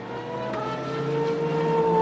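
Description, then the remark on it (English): Molina's stopped race car, between turns 15 and 16 near the end of the lap, revs steadily as he tries to restart it, with a sustained, rising mechanical whine and strong harmonic tones, growing slightly louder over two seconds, with no voices. “So Molina trying his level best to find some life in the car, but it doesn't sound like it's an easy process.”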